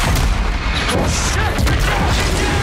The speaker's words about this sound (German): Wir sind mittendrin in der Action. Große Explosion. Es wird erst geschossen, dann werden Fragen gestellt.